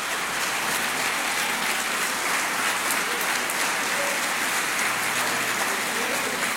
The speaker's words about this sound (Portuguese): Você pode aplaudir ao Espírito Santo aqui.